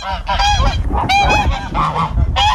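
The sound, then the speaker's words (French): Several geese on a small farm honk loudly and continuously, harsh overlapping calls coming in quick bursts with no talking. “J'ai le cochon, j'ai les oies, les lapins et des moutons.”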